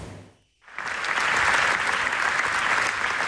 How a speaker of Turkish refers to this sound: Alkışlar 25 dakika boyunca durmadı. Tüm salonun ayakta durarak alkışladığı anlara Filistin bayrakları eşlik etti.